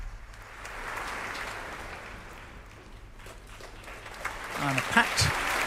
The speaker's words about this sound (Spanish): Sonaban los aplausos para recibir al concertino de la Royal Philharmonic Orchestra, Duncan Riddell.